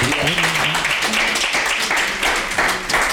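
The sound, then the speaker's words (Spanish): An audience applauds steadily as an offering of praise to God, the King of Kings, dense overlapping claps filling the whole stretch at a fairly loud, even level, with a few voices calling out underneath. “Tal vez para algunos no es mucho, una ofrenda más de palmas, Rey de Reyes.”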